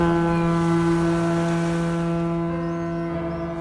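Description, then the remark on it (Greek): A ship's horn blows one long, loud, sustained blast with deep steady harmonics, holding for several seconds before starting to fade slightly at the end; no voices. “Υπάρχουν ταξίδια με πλοία.”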